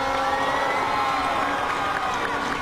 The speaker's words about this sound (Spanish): Un aplauso para ella.